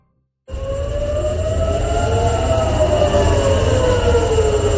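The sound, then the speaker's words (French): Air raid sirens in Tel Aviv, sounding again in the morning, wail steadily after a brief silence, their pitch slowly bending and overlapping, loud and continuous over a dense background rumble, with no voices. “Des sirènes que l'on entend qui ont retenti à nouveau ce matin à Tel Aviv.”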